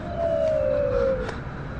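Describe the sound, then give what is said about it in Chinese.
Wind whistles across the mouth of a burial urn, making one hollow, moaning tone that holds steady and slowly sinks in pitch for about a second before fading into a soft rushing background. “匆匆别怕，是风声吹过瓮棺口发出的声音。”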